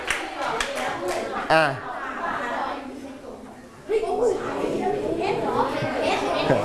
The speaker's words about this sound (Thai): จังหวัดน่านถูกต้องปรบมือให้เพื่อนนะครับ